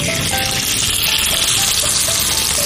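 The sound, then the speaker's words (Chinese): Steady, loud sizzling and crackling of string-tied chicken thigh meat frying in a hot pan over low heat, a dense continuous hiss with faint pops, with no voices. “现在呢，咱就可以下锅去煎了。”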